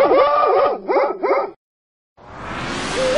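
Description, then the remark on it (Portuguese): A small female puppy yaps and howls in quick, pitch-sliding bursts, falls silent briefly, then a rising yowl returns over a noisy background. “A Morcegão FM está crescendo e adotou uma nova cachorrinha virtual.”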